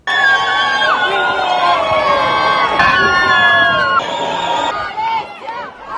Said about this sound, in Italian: Il primo saluto da marito e moglie tra gli applausi dei presenti.